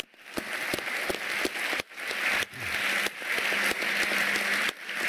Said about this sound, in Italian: e vedi qua Burras, aveva appena vinto l'oro Nagano, e il grande applauso a Finn Kristallhage, che anche lui ci ha lasciato pochi anni fa.